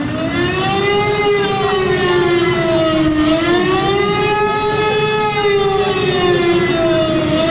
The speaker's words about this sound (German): Mitten auf dem Platz steht mittlerweile ein großer Bus mit dem Schriftzug Adenauer und der macht dann Punkt 18 Uhr auch richtig Alarm.